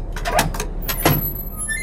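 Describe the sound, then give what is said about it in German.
A door squeaks as it swings open, giving two strained, drawn-out creaks over a low background rumble, with no talking. “Boah, quietscht die. Ja, die muss quietschen, damit ich höre, dass ich noch eine Tür habe, ne?”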